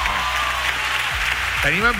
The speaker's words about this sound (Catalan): Un fort aplaudiment per al País Valencià, per favor!